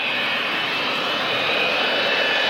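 A steady, loud airplane engine drone with a broad rushing roar and a thin high whine, constant and unbroken throughout, with no voices.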